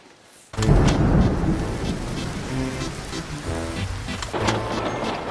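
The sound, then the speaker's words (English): Steady rain pours down after a sudden start, a dense hiss of drops spattering on a surface, with low rumbling underneath and no voices. “As predicted, the rain continued to fall for the rest of the week.”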